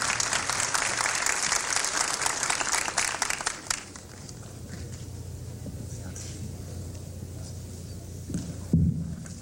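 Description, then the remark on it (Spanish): Loud, dense applause from a crowd welcoming Alberto Sborowski, vice minister of Commerce and Services, a steady wash of many hands clapping that stops abruptly after a few seconds and leaves a low hum with faint shuffling and murmurs. “A continuación, recibimos al señor Alberto Sborowski, viceministro de Comercio y Servicios, con un fuerte aplauso para unas palabras también.”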